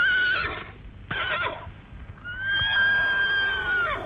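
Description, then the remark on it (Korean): A horse neighs loudly in a couple of shrill, wavering whinnies, the first short and the second long and drawn out, with a quick fluttering snort between and no talking. “덕강이가 신심 가득히 곱비를 받아지고 막 올라타려고 하자 말은 그가 어리다고 업신여기듯 호응 울부짖으며 엉덩짝을 이리저리 흔들었다.”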